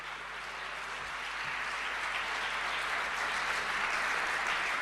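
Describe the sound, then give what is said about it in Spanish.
A crowd claps steadily and loudly for a Chilean singer-songwriter at an evening event, a dense, continuous wash of applause that holds its intensity and swells slightly toward the end, with no voices standing out. “Un fuerte aplauso para ….”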